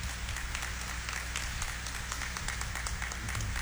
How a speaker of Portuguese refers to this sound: Vamos acolher e dar uma salva de palmas para eles, né?